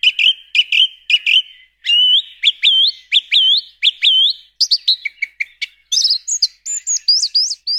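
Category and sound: bird, song thrush singing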